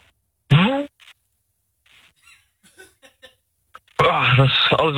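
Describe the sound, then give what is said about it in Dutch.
A voice imitates a vacuum cleaner by blowing into a phone microphone, with loud, buzzy, breathy droning. First comes a short burst, then, after a quiet gap with faint noises, a longer rough whirring that wavers in pitch. “vanaf nu zit jij in je stofzuigerrol.”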